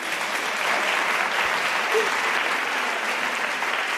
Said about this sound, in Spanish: Oye, les damos un aplauso, por favor.